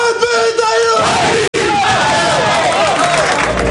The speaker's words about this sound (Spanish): Mantiene la tradición del Athletic de rezar en el vestuario y dar el grito. A ver el grito.